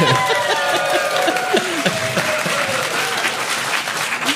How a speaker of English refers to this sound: Can we get an applause sign? Yeah, okay.